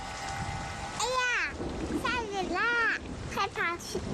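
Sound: rain falling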